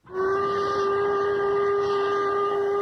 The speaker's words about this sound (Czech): Ve vlaku na cestě do Paříže.